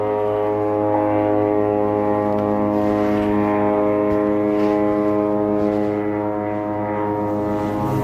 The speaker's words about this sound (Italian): Benvenuti a Gaza. Fai l'audio 1. Aerei.